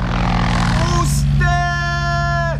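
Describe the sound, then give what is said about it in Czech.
The engine of Jan Kašpar's Blériot XI aircraft starts before his flight from Pardubice to Prague and drones loudly as its wooden propeller spins, a deep rumble with a buzzing harmonic whine that climbs in pitch midway and holds steady. “Motor naskočil. Dřevěná vrtule letadla typu Blériot 11 se otáčí.”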